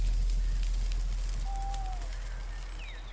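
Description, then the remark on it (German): A campfire at an evening rest stop crackles steadily with scattered sharp pops over a low, constant roar, while a bird whistles a few thin chirps in the background. “Die Wärme des Lagerfeuers war wohltuend und so schlief er rasch ein.”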